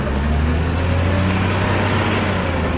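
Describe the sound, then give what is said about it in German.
A heavy diesel engine rumbles and drones steadily, with a dense, gritty wash of noise over it, as a wheel loader loads calcium sulfate stone onto a truck at a quarry, stone used for making chalk. “Im Steinbruch wird der Stein mit einem Radlader auf einen Laster geladen.”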